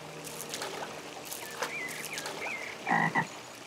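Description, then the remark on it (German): Frogs croak at a garden pond surrounded by natural stone walls in a series of short, nasal calls over soft outdoor ambience, ending with a couple of louder croaks. “Ob Frösche, Eidechsen, Ringelnattern, Insekten. Passende Wohnräume gibt's für alle.”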